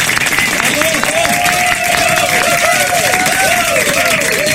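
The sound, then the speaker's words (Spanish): Steady, loud crowd noise fills the whole stretch, with a dense wash of clapping and cheering mixed with overlapping voices and a few rising whistle-like tones. “Hágame usted el favor, fuerte el aplauso, por favor.”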